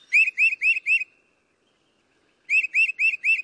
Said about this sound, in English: I like to watch birds. I like watching their behavior. and I think their sounds are relaxing. I'm trying hard to identify their calls.